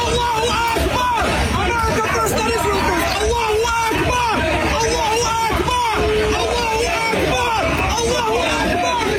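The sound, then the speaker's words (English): A large crowd outside New York City Hall chants "Allahu Akbar" in unison, many voices rising and falling in repeated phrases over a constant, loud hubbub of chatter that runs without pause. “Chanting Allahu Akbar.”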